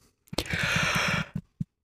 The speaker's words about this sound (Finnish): Älä tee tuota. Niin, haukotus tarttuu. Ei saa haukot. Ei saa teko haukotella ainakaan, koska haukotus tarttuu. Joo, ja sitten jos teko haukottaa, niin kohta se on haukotuttaa oikeasti.